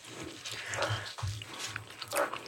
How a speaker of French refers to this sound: Excusez-nous, on est en train de manger.